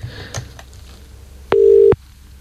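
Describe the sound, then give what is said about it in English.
A single short burst of the ringing tone of an outgoing phone call to a man's wife, a steady mid-pitched beep lasting about half a second, follows a few faint clicks over quiet background hiss. “I should probably say call you on air”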